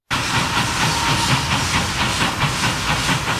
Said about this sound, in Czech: Parní vlak nejprve vyrazil jako rychlík z Prahy do Chebu, odtud pak pokračoval jako osobní vlak číslo 3717 do příhraničního města Aš.